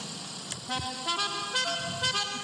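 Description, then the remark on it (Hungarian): A musical car horn plays a short melody of stepped tones, loud, with brief notes changing pitch in quick succession over a steady background hum. “Vannak ilyen jó dudák.”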